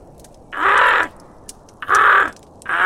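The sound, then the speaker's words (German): Ravens sitting high in the crown of a large oak tree outside give three harsh, raspy caws at a steady pace, each about half a second long. They are loud, with only a faint background hiss between calls. “Was ist das wieder für ein Gekrächze da draußen?”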